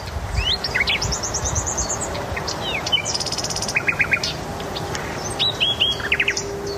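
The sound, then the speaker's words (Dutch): A nightingale sings in the dunes at Noordwijk in varied, rich phrases: whistled notes, rapid repeated chirps and short trills, over a steady low rushing background like wind or surf. “De nachtegaal in de Noordwijkse duinen.”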